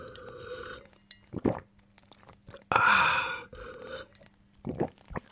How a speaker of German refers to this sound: So, bevor es hier erstmal weitergeht auf Bremen 1, ist jetzt erstmal hier Hydration Break, Trinkpause, ist ja klar, sonst kann ich gar nicht weitermachen, also Prost.